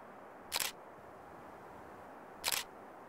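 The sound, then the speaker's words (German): Two crisp shutter clicks of a remote-controlled camera, set up with two flash units to photograph an owl, come about two seconds apart against a quiet background hiss. Each is a short mechanical snap, fairly loud, with no talking. “Für das Engelfoto kommt wieder eine ferngesteuerte Kamera zum Einsatz.”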